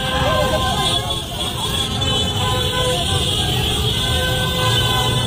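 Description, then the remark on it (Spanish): Motorcycle horns honk over a steady roar of engines and crowd noise in a busy street in Bangladesh, where people on motorcycles in Argentina shirts celebrate Argentina reaching the final, with overlapping toots and continuous loud traffic throughout, voices faintly mixed in. “En Bangladesh salieron a festejar a la escaloneta, todos en moto, pero todos, es lo que menos parece Bangladesh, ¿no?”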